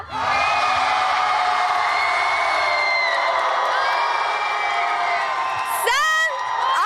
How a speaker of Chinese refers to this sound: 接下来你们的掌声和呐喊声准备好了吗？让我们一起来为我们的赫兹街舞少年团呐喊吧。